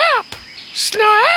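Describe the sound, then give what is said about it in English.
A human voice imitates a bird call, presented as the call of the Australian rubber bird, letting out two loud, swooping squawk-like cries, separated by a sharp click and a brief hissy burst. “This is the call of the Australian rubber bird.”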